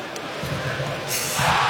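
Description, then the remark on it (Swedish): An arena crowd in Timrå cheers a Timrå hockey goal that ties the game 1-1 on a five-on-three power play, a dense wash of noise that surges louder and brighter partway through and stays at a steady roar to the end. “Här var ett mindre diskret jubel i Timrå som gör 1-1.”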